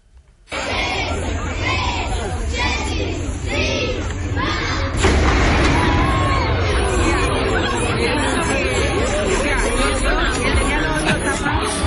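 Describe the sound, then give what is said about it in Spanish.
A large crowd of tourists murmurs and chatters all at once at an old watchtower in the old part of a city, gathering for the daily noon cannon shot; a steady blur of overlapping voices swells louder and denser partway through, with no single voice standing out. “Pero esto es la gente como se reúne.”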